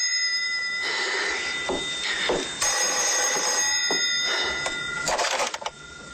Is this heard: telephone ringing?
yes